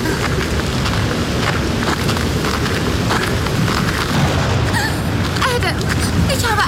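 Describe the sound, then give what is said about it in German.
Heavy, steady rain pours down with deep rolling thunder rumbling underneath as a gusty thunderstorm moves almost overhead, loud and continuous throughout, with faint voices briefly audible toward the end. “Das Gewitter ist fast schon über uns.”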